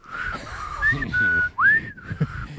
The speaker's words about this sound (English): I can't whistle. Why can't I whistle anymore?